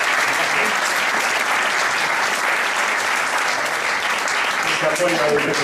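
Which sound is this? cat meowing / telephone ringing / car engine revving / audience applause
audience applause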